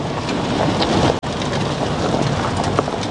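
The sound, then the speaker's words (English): A truck drives up a rough farm track on a finger of land off the eastern coast of Northland in grey, drizzly, windy weather, a loud, steady roar of engine rumble and buffeting wind throughout, broken by a split-second gap partway through. “I'm in a truck heading up a farm track on a finger of land jutting off the eastern coast of Te Tai Tukuro, Northland.”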